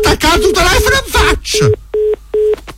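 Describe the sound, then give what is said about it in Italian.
Muffled voices talk briefly over the line, then a telephone busy tone takes over: short, steady electronic beeps repeating at an even pace, three pulses clearly heard after the call is hung up. “Mi ha attaccato il telefono in faccia.”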